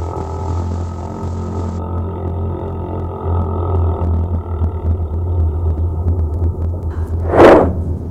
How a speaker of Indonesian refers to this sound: Mereka bisa mengeluarkan suara yang begitu kuat di bawah laut. Tapi suaranya itu bukan seperti kita ya. Suara paus itu panjang, dalam, dan menggema.